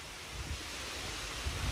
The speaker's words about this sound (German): Manchmal findet sich die Inspiration dafür auch einfach auf der grünen Wiese. Das Rauschen der Bäume im Park.